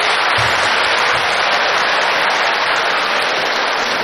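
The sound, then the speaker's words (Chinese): A loud, steady wash of audience applause, many hands clapping at once in a dense, unbroken roar that holds at the same level for about four seconds, with no voices over it. “上台了，鞠躬了，您该神奇掌声了。哎，你这个掌声太少了，掌声，掌声，掌声，掌声，掌声，掌声，掌声，掌声。”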